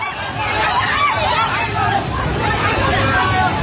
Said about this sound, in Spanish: Este es el sonido del terror de la gente ante el torrente que ha arrasado en muy poco tiempo viviendas, coches, árboles y que ha dañado infraestructuras de todo tipo, carreteras, puentes, centrales hidroeléctricas